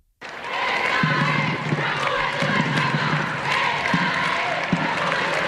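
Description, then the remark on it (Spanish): A large crowd in Spain cheers and chants slogans such as "Esta es la juventud de España" and "Vivas al Papa" in rhythmic bursts, greeting the Pope as he travels by car to the Royal Palace. Many voices blend into a loud, steady roar, with occasional sharp claps or thumps standing out. “Y de ahí en coche al Palacio Real, recibido en la distancia al grito de "Esta es la juventud de España" y "Vivas al Papa, salva reales".”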